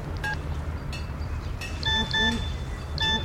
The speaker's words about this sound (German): Was? Eine SMS?